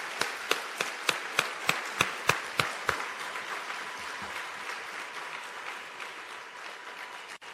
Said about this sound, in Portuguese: Acham que foram ouvidas pelas outras crianças? Acham que foram ouvidas pelas outras crianças? Posso pedir mais uma salva de palmas para todas as crianças?